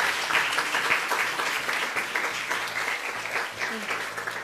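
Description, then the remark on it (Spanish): A crowd applauds steadily for several seconds to congratulate a colleague who finished second in a race, a dense, even wash of many hands clapping at once with no single claps standing out. “Pues muchas felicidades, un aplauso para nuestro compañero.”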